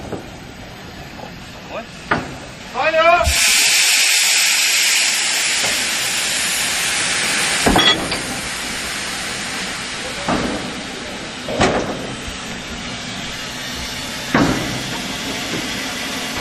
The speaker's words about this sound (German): Und hier ist die Dampflokomotive im FEW. Wir möchten gerne unseren Zug bereitstellen.